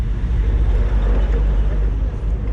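Steady low engine rumble and road noise fill the interior of a moving car, a continuous loud drone with faint rattles and no voices.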